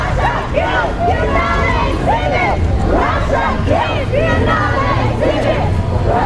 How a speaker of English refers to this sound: The women start punching the air and shouting in protest at Russia's return to one of the biggest art events in the world.